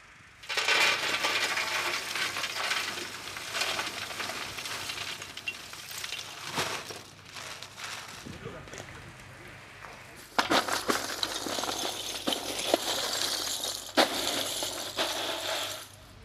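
Charcoal is poured into the central shaft of a charcoal kiln, filling it from the bottom: a sustained, dense rattle of hard pieces tumbling and clattering, with crisp crackly clinks over a low rumble, pausing briefly before the pouring resumes, then ending with a few sharper knocks.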